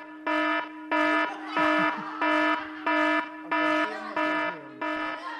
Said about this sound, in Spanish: Va a sonar la alarma de evacuación, chaval.